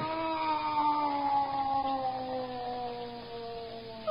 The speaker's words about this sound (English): Meow. What is it, darling? What's the matter? Why are you getting up? Meow. What is it? Why go to the window? What do you want out there? Meow. Oh, if I could only understand you, if I could only know what you're trying to say to me.